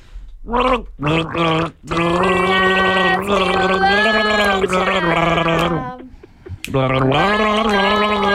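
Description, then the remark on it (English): A person gargles water while voicing a tune by a band performing at Savannah Sounds at Rexmill Park in Port Douglas, as a name-that-band gargle game, producing a loud, bubbly, pitched gurgle that starts in short bursts and then holds long, wavering notes with a brief pause near the end. “We're playing the gargle game.”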